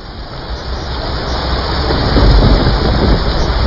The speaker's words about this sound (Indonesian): Malam itu, hujan turun sangat deras di sebuah desa di lereng perbukitan. Hujan yang tak kunjung berhenti sejak sore mulai menimbulkan kekhawatiran.